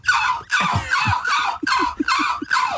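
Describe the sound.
A person imitates a seagull with about six loud, hoarse squawking cries in quick succession, each a harsh, high, nasal wail with short gaps between.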